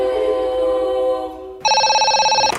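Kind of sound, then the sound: signal or alarm, telephone ringing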